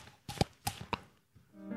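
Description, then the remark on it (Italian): Three sharp, evenly spaced clops made by slapping the cheeks, imitating a horse's hooves, crisp, as a noise-making demonstration, followed by the start of a voice at the very end. “Schiaffetti sulle guance, così.”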